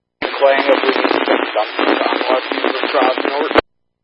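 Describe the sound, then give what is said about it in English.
Radio static crackles over a garbled, unintelligible transmission from a sprayer crew. It is a band-limited burst of noise about three seconds long that starts and cuts off abruptly, loud like a handheld radio. “Oh, I'm getting some of you guys static, over.”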